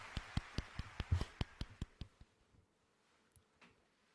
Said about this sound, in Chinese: 好了，下一个，还有脸鼓掌呢，哎呀。